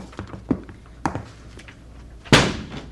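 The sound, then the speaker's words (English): A restaurant's side door off an alley being forced open: two dull thumps against it, then a louder, sharper bang as it gives way near the end, with no voices. “Let's go down the alley and try the side door.”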